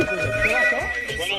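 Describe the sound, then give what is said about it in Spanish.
A telephone ringtone sounds steadily throughout, sustained high electronic tones with a slight warble, while indistinct voices murmur beneath it, as listeners call in to the radio station La Qué Buena for a Mexican national team jersey giveaway. “Ahí está, ya están llamando en este momento, señoras y señores”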